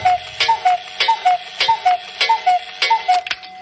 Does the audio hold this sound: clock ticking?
yes